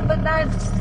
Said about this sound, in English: I drift away into the back seat as the car muffles out their words. But this is how I always hear them. They're speaking my family's dialect, Kamapangan, also known as breastfed language.